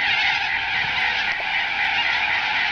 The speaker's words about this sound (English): Can you hear them? Can you hear that? The birds! They're awful, the Bunbury Corellas. Gosh, that is something that you don't want to wake up to and walk through a park, walk through Queen's Gardens in Bunbury and just hear those all the time.